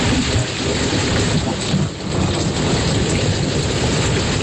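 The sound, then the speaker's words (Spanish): Heavy rain pours down steadily while deep thunder rumbles continuously underneath, loud, with a brief lull near the middle, a thunderstorm in Galicia, Spain. No voices are heard. “Hasta mediodía Meteo Galicia tiene encendido aviso amarillo por tormentas que pueden ser localmente fuertes en cualquier punto de Galicia.”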